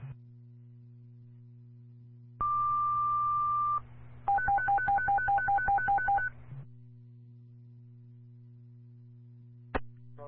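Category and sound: signal or alarm, fire dispatch alert tones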